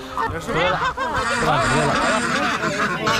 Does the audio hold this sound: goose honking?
yes